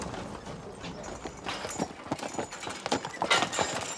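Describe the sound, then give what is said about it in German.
Hooves of three horses pulling a trailer as they are backed up to park, clip-clopping in an irregular, shuffling pattern of sharp knocks that grow louder and busier toward the end, over a steady background hiss with no speech. “Rückwärts einparken, mit Hänger und 3 Pferden.”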